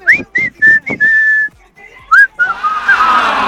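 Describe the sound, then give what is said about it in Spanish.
Someone tries to whistle a tune: several short, breathy whistled notes around the same pitch, a longer held tone, then a rising note and a wavering, airy stretch with no words. “Traté, lo intenté, pero definitivamente lo de silbar ya vimos que no se me da.”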